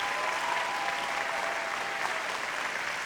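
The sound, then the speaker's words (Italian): Steady, dense applause from an audience for a dance troupe fills the whole moment, a broad crackling wash of many hands clapping at once without pause. “applauso al corpo di ballo della BAI.”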